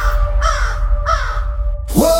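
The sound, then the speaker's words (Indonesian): A crow caws three times, harsh and loud, with the first two calls evenly spaced and a final raspier caw after a short pause, over a steady low rumble. “Namun gagak tidak hanya mengingat bahaya, ia juga mengenang kebaikan.”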